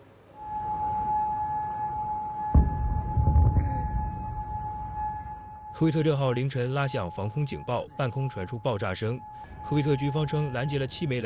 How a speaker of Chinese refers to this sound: 科威特6号凌晨拉响防空警报，半空传出爆炸声。科威特军方称拦截了7枚来自伊朗的导弹，袭击未做成人员伤亡。